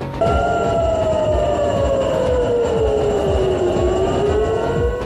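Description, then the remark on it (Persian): A sustained air raid warning siren wails loudly, its steady tone sliding slowly down and back up over a rumbling, noisy background, with no voices; sirens sounding across wide areas of Israel during missile attacks by the Revolutionary Guards. “آژیرهای هشدار در مناطق وسیعی از اسرائیل به صدا درآمدند.”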